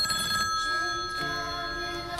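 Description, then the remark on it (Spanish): A telephone bell rings steadily with a bright, metallic trill, sustained throughout the short stretch, with no voices over it. “Bueno, pues el miedo puede empezar con algo tan sencillo como un teléfono que suena.”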